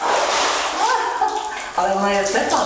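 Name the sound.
splashing water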